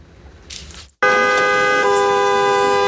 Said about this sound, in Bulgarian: Рекорден трафик на граничен пункт Капитан Андреево. Над 5300 автомобила са влезли у нас от Турция за денонощие, отчитат от пункта. Колони от автомобили чакат на граничния плац, а преминаването на границата отнема повече от 3 часа.